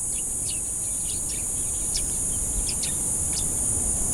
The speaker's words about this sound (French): Donc on voit effectivement qu'il y a encore une activité biophonique qui est caractérisée par des chants d'oiseaux.